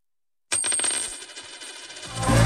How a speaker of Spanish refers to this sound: ¿Lo oyes? Es un euro que cunde.